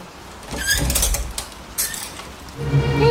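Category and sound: household object, door being opened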